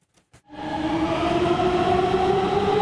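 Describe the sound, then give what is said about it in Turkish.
A metro train on the Gayrettepe–Istanbul Airport–Halkalı line in Istanbul, Turkey, Turkey's fastest metro, able to reach 120 km/h, rolls steadily along the track, a loud, continuous rumble with a sustained whining tone that starts abruptly after a couple of brief knocks. “Türkiye'nin en hızlı metrosu yolcu sayısında da hız kesmiyor.”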